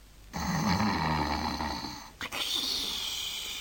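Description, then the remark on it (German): A long, rasping snore rumbles beside a pillow, then after a brief catch a second, breathier snore follows. No one speaks. “Da hörte er plötzlich neben seinem Kopfkissen Schnarchgeräusche.”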